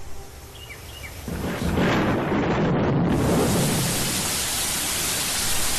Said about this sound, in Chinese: 雷声过后，大雨潇潇而下